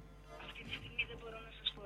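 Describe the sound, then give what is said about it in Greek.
A journalist dials a phone call on speakerphone: two short, sharp electronic beeps ring out over a tinny, hissy line, with faint muffled voices in the background. “Υπάρχει ένα τηλέφωνο να πάρω εγώ.”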